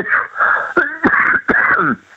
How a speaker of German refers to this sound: Das ist mein Husten, wie gesagt.